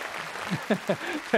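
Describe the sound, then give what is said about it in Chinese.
Thin, scattered clapping from an audience at a crosstalk comedy performance, a light patter of hand claps rather than full applause, with a few short vocal sounds breaking through over it. “谢谢啊，谢谢您稀稀拉拉的掌声。”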